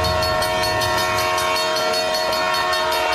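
A train rolls by with a loud, sustained horn blaring throughout, layered over a steady rumble and rhythmic clicking of wheels on the rails.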